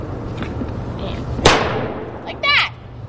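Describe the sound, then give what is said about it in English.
A carbide toy cannon, loaded with bangsite (calcium carbide) and fired by pulling back, fires one loud, sharp bang that rings off in a short decaying tail over steady background hum. A brief high-pitched vocal sound follows moments later. “You put the bang side in, and you pull back, and the sparklets, and it fires.”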